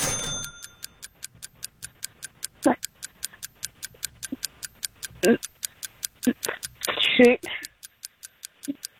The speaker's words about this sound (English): All right, do your best. I'll start the clock.